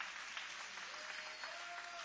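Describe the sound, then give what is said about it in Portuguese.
An audience at a church service applauds God steadily, a dense wash of many hands clapping at an even, sustained level for the whole stretch, with a faint voice barely audible beneath. “E podem aplaudir a Deus com alegria.”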